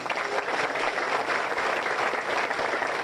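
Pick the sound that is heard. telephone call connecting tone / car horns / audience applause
audience applause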